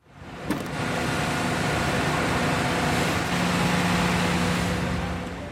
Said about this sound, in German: Baulärm umgibt den Lindwurmhof an der Poggi-Straße, wo schon seit mehr als einem Jahr die Bahnunterführung erneuert wird mit einem eingeschränkten Verkehr.